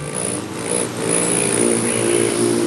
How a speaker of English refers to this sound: Don't be fooled by the gentle whirring sound of a hummingbird in flight. This male rufous hummingbird performs elegant and aggressive courtship displays to defend his territory, and he may travel hundreds of miles to find a mate.